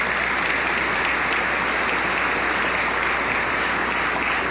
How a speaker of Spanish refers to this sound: Un aplauso para todos ustedes de bienvenida.